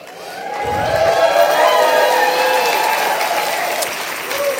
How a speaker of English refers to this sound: Just by hearing that applause, Casey is one of the most distinguished teachers of blind students in the country.